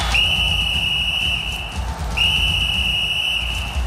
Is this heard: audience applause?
no